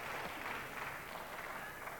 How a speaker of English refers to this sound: You may have heard the applause there sounding just a little echoey. I suspect that after this game, third game of the first set, we'll see a flood of spectators coming back to reclaim their seats.